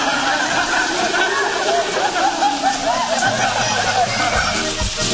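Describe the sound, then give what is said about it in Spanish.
A rain sound effect: a steady wash of rain hisses evenly across the whole clip, with voices murmuring indistinctly over it and a few low thumps near the end. “No, a su cama no más vuela, porque ya, bájale con viento, lluvia y trueno.”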